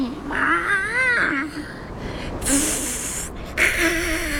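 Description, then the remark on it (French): Another cat, a male, higher up on a mountain and approaching, yowls in long, wavering, mid-pitched wails, broken by a rough hissing burst before another warbling yowl starts. No one speaks. “Il s'approche et en plus, il chante.”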